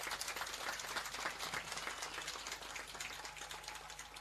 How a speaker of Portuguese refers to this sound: Queremos pedir uma salva de palmas a todos os desportistas aqui presentes.